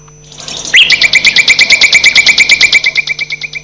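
Loud, rapid bird calls screeching in a Radio Sraka jingle repeat in a fast, steady pulsing series, harsh and shrill, with no voices, after a faint higher twittering at the start.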